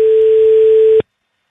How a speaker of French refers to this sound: Troisième. Allô? Et, ah oui, c'est bon, à la troisième sonnerie.